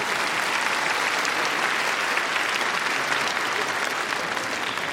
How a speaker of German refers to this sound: Einen großen Applaus für Ludwig van Beethoven.